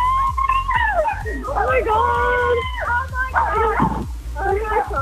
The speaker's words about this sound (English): Is that the dog barking in the background? Yeah, but it's Army as well. Oh God, the dog's Army.